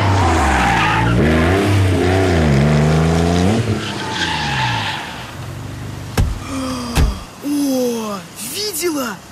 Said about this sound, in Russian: Кабриолет. Ну, машину с открытым верхом. Папаня за продуктами прикатил.